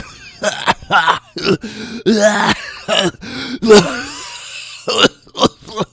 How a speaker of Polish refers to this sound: I tak cały czas churchla, kaszle. No, słabo się tego słucha. Nie lubię, jak ktoś mi kaszle do mikrofonu. Tak już przynajmniej by głowę odwrócił jakoś bardziej, a nie tak po prostu gada i co chwilę.